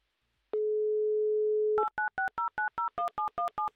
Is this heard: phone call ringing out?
yes